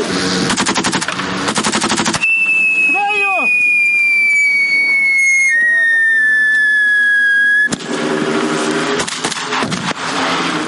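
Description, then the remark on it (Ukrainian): Loud, rapid bursts of grenade and mine blasts and gunfire crackle on a 500-meter psychological obstacle course that military cadets of an unmanned systems brigade run during basic training, stop for a few seconds while a steady high whistling tone and a brief shout come through, then resume just as intensely. “Навколо вогонь, вибухають гранати, міни, але дистанцію 500 метрів слід подолати якнайшвидше.”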